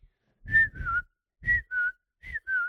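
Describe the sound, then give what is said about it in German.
A person whistles a bird call: three paired two-note chirps, each a bright high tone sliding slightly down, repeated at an even pace with short gaps, fairly loud and with no talking. “Das ist, glaube ich, ein Vogel. Vollkommen richtig.”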